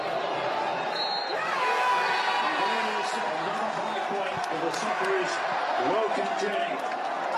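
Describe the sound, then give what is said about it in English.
A large crowd at Fed Square cheers and roars at the end of a match, a dense, steady wall of voices with scattered shouts and sharp whistles cutting through, staying loud for the whole stretch. “And here's the moment the crowd reacted to the end of the match at Fed Square just moments ago.”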